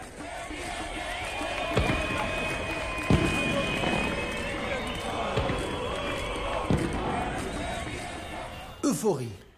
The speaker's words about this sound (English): Euphoria, celebrations, cheering, horns honking, applause. Everyone is overjoyed that Qais Saied has decided to take power and kick out the corrupt parliament and government.